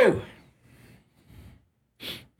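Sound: sneeze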